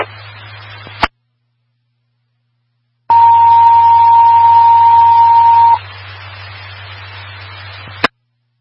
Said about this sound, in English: We received a tone and no voice. Can you repage that?